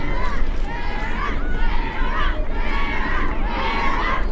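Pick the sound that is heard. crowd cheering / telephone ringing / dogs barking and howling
crowd cheering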